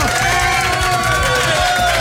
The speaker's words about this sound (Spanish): Es de buena suerte que tu mamá te felicite en la radio cuando vas a cambiar de escuela. ¡Fuerte el aplauso!